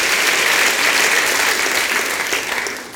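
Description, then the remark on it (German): Steady, dense applause from an audience for a poetry performer from Crailsheim, a loud continuous wash of clapping hands that holds for about three seconds and dips slightly near the end. “Dein Applaus.”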